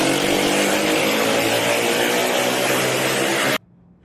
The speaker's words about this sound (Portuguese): Os policiais iniciam a perseguição. Nas imagens é possível ouvir o barulho do escapamento de uma das motocicletas.